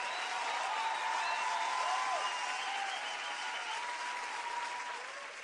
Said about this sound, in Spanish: Fuerte ese aplauso para …